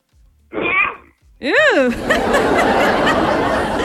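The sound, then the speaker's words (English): A person makes a short vocal burst, then a rising and falling wail that breaks into a loud, breathy, sneeze-like blast of noise, sustained. A voice imitating a very hungry lion trying to roar, which comes out like a sneeze. “That one sounded like a lion was sneezing.”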